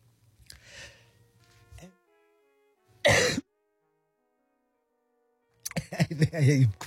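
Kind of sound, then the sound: human body sound, coughing and throat clearing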